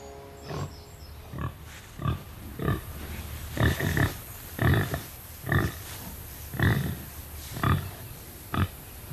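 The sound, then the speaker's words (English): Very pregnant pigs grunting in a steady series of short, broad bursts, roughly one per second, over a constant low background hum, with no talking. “Leaving Caleb in charge of the now very pregnant pigs.”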